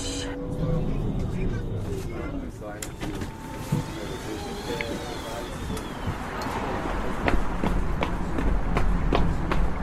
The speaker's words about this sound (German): Rennen, Stress.